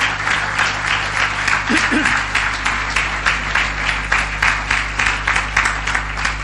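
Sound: audience applause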